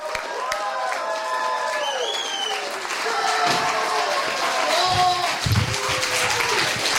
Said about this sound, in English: Please give a big, loud, huge round of applause for our headlining comic, Dale Zawada!